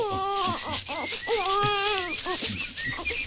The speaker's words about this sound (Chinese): 呢度阻紧冇人噶，点解有苏虾仔嘅喊声咧？唔通我听错？